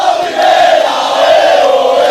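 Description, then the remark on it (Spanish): Águilas FC fans at a municipal stadium chant together in a loud, sustained celebration of the club's promotion, many voices merging into a steady, tuneful roar with a rising, drawn-out melodic line. “Sigue el cántico a primera BOE, así suena la celebración del Águilas en el municipal de Sapobla.”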